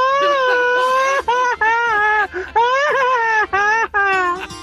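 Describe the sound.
A loud, high-pitched battle yell from one voice, a wrestler's "machine-gun yell", a string of long wavering wails broken by several brief gaps, its pitch trembling and rising across almost five seconds.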